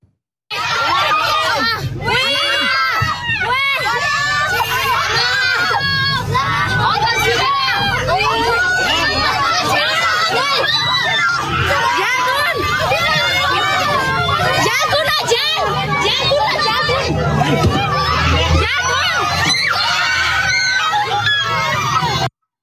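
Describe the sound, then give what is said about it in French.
A crowd of panicked bus passengers, seeing a wave arrive and filming it, shouting and screaming over one another, with shrill cries and frantic overlapping voices continuing loudly throughout, interspersed with some children's voices. “On est dans un bus, et des passagers du bus voient la vague arriver et filment ce qui est en train d'arriver.”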